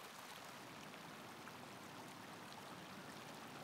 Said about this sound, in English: We're now flying over the Fernachtferner. Here too we find dark stone dust, which causes the surface to heat up even more. The ice dissolves into countless streams.